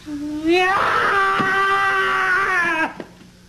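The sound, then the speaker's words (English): A loud, angry bird screech: one long, harsh, piercing cry that rises at the start, holds steady for about two seconds, then cuts off abruptly, with no talking. “You are about to hear the loudest, angriest bird you have ever heard.”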